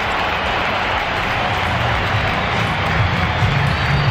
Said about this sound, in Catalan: Ha estat el moment en què sortien a escalfar, alguns xiulets, aplaudiments.